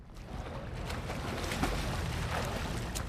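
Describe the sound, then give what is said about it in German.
Steady water ambience from aboard a small boat, with lapping water and a low rumble of wind washing over the microphone, continuous, with no voices. “Ach, ist das herrlich hier auf dem Wasser in mein kleines Yummy-Boot.”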